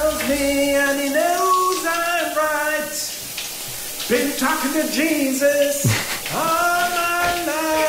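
Steady hissing spray of a running shower fills the background while a man, an HR1 radio listener, sings a song loudly and passionately in the shower over it, his melodic phrases rising and falling with brief pauses.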